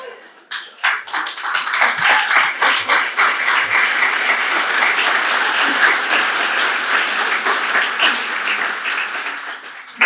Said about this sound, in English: So you remember, anytime you clap, you don't clap for me. I don't want your clap. Clap for Jesus.